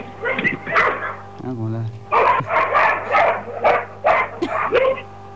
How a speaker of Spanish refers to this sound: La verdad, señora, si se callan los perros en algún momento usted va a poder dormir, señor.